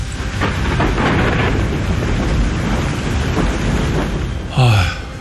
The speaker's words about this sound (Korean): 하산을 준비하던 그의 머리 위로 짙은 구름이 몰려온다. 순식간에 하늘이 검게 물들고 천둥이 산맥을 갈랐다. 땅을 내리치며 분노하듯 거센 비가 세차게 내렸다.